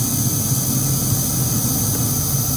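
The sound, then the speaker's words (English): A steady, high-pitched electrical buzz like a cicada drones without pause from a parked car that is switched off, with its air conditioning off, layered over a low, constant hum. No one speaks. “I mean, it almost sounds like a cicada to me, right?”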